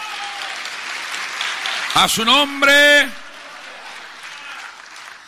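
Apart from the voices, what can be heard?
audience applause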